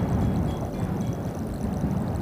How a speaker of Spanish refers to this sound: En la meseta de Somucurá, el viento no es solamente parte del paisaje, es una presencia permanente. Recorre las piedras, atraviesa los cañadones y cruza kilómetros de estepa sin encontrar demasiados obstáculos.